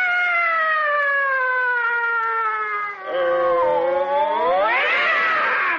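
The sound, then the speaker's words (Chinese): A single long, loud yowling wail imitating the caterwaul of fighting cats, sustained for several seconds with a wavering pitch that dips midway and then rises into a strained, screechy cry near the end. “干嘛猫打架呀、啊？”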